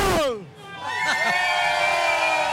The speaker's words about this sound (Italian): Ore 18, facciamo un bel urlo qua direttamente da San Siro.